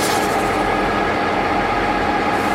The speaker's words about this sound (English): I would like to welcome you on board the historic Hollandic Scenic Railway. I look forward to informing you of the points of interest during one of the world's most scenic train rides down the Barren Gorge to Cairns.